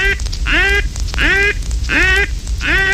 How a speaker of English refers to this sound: Never sound this call under any circumstances. This is the alarm call, and all ducks will flare from it.